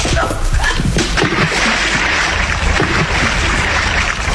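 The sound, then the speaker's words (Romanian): A heavy body is thrown into the water of Brooklyn bay and splashes, followed by steady sloshing and churning water noise, loud throughout, with no clear speech. “În fundul oceanului, domnule amiral Nelson, a golfului Brooklyn.”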